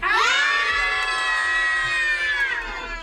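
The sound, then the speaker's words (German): A group of children visiting a studio on a holiday programme shout loudly together in one sustained, high-pitched scream lasting about three seconds, intense, tapering off at the end. “ich bin ja der Chef der Sendung, deswegen dürft ihr jetzt alle mal ganz laut schreien.”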